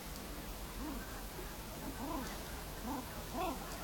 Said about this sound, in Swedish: Och här kan man höra gravänder. Hannarna som låter sådär. Pip, pip, pip, pip, pip, pip, pip.